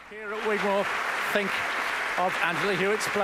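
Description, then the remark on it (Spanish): A concert audience at Gigmore Hall applauds Angela Hewitt steadily, a dense wash of clapping running throughout while a voice speaks clearly over it. “Y escuchamos cómo la audiencia sigue aplaudiendo en el Gigmore Hall a Angela Hewitt.”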